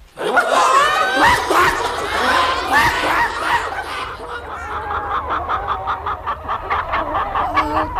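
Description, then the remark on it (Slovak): A flock of hens on a farm clucks and squawks in agitated, overlapping bursts, loud. The chatter is dense at first, then settles into a quicker, rhythmic run of clucks toward the end. “Sliepky by mali túto obetu uvítať ako ich vlastný príspevok na výstavbu veterného mlyna.”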